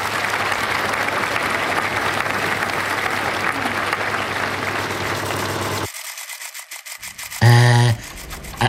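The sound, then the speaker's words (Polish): A theatre audience applauds steadily for several seconds, a dense crackling wash of many clapping hands, which then cuts off abruptly, followed by a short buzzing tone. “No, poza tymi brawami, bo kiedyś sam biłem brawa, kiedy obejrzałem teatrzyk w naszym przedszkolu.”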